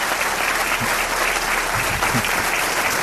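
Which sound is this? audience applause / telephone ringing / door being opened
audience applause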